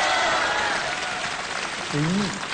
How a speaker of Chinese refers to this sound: 要起来掌声多没面子呀！